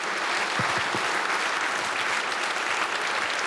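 A crowd applauds steadily, a dense wash of many hands clapping at once that holds an even, fairly loud level throughout, with no voices standing out.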